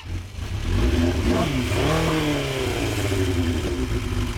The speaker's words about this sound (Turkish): Sesi çok güzel çünkü üstünde Yoshimura egzoz var.